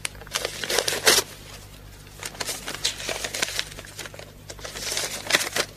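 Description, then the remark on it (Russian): Crisp paper crinkling and rustling as a packet from Berlin is torn open and unfolded, with irregular bursts of crackling over several seconds, no voices. “пакет из Берлина. Прочитать тут же на месте.”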